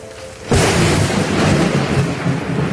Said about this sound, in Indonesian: Namun perjuangan belum selesai. Hujan kembali turun dan hampir merusak jembatan yang sedang dibangun.